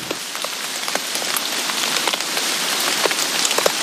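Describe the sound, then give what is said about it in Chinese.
Steady, dense heavy rain patters on the roof of a house over 90 years old at a former secret camp, a continuous hiss broken by scattered sharper drips and taps. No voices, just the even wash of rainfall throughout. “但是这会儿我觉得听着雨声心里还挺平静的。”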